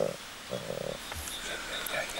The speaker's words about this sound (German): Schneeleopard Nummer 2 beim Impftermin. Ist deutlich langsamer und da sind die Atemgeräusche unabhängig davon. Da sind auch so Geräusche, aber das ist die Atmung.